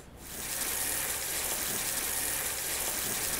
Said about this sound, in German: Stell doch auf den Boden genau und ich halte mal schwungvoll den Wasserstrahl.